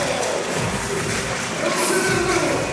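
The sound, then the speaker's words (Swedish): A large arena crowd cheers in a loud, sustained roar that holds steady for a few seconds, with scattered shouts and a few dull thuds. The crowd in the exhibition hall in Brno is raising paper signs reading 'block' after the Czech team blocks the ball in an evening match against Sweden, score 17–20. “Och publiken är igång, upp med skyltar.”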